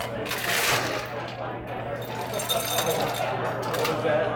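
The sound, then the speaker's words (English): Ice cubes are put into a glass while mixing a drink topped with ginger beer, tumbling in a quick, rattling stream of bright clinks and clatters that run for several seconds over a steady low hum, with faint voices underneath. “So now you put some ice into the okay. glass. Okay. Ice in the glass.”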